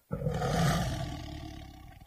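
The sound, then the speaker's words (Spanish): A white Bengal tiger lets out a single deep, loud roar that starts abruptly, rumbles for about two seconds and slowly fades, with no talking. “os voy a hablar sobre el tigre de Bengala blanco.”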